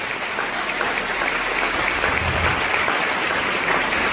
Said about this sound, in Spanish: ¿Cuánto da un aplauso al Señor en esta hora?